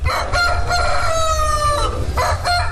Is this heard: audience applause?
no